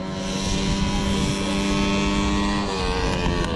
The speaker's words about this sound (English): On a racetrack in central Queensland, drivers are revving their engines. But these aren't typical race cars. They are lawnmowers.